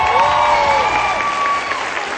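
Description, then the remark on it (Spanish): A crowd claps loudly and continuously for a student rock band from Prepa 9, a dense wash of applause with whistles and cheers sliding up and down over the clapping throughout. “Denles un aplausote otra vez, por favor.”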